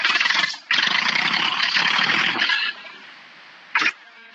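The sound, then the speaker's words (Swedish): A tractor engine catches with a loud, rough roar for a couple of seconds, then drops to a much quieter idle, with one short burst of noise near the end. “Men jag vet inte om det hörs i radio, men jag ska starta traktorn, för jag sitter här nu.”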